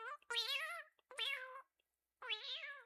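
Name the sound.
cat meowing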